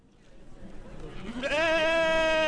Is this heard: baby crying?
no